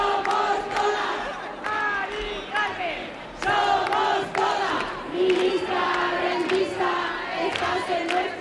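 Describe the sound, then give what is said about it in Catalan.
A large crowd of protesters on a Saturday evening march through streets in central Madrid, shouting and chanting together: a steady roar of many voices with rising and falling rhythmic cries and occasional sharp claps or bangs cutting through. “Són els crits que hem escoltat aquest dissabte hora baixa en la manifestació que ha recorregut alguns dels carrers del centre de Madrid.”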